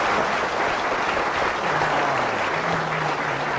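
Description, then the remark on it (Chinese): An audience at a crosstalk (xiangsheng) comedy performance bursts into warm, sustained applause, a dense steady patter of many hands clapping at an even loudness for several seconds, with a faint murmur of voices underneath. “喝一个热烈鼓掌。”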